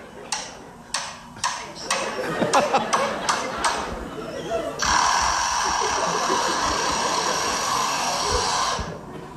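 A lyrebird in a zoo aviary mimics the repair work recently done on its aviary: a run of sharp, hammer-like knocks at uneven intervals, then a steady, buzzing whine like an automatic screwdriver that holds for several seconds before cutting off.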